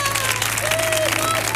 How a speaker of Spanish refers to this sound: Hay pleno, ¿no? Fuerte el aplauso porque hay pleno.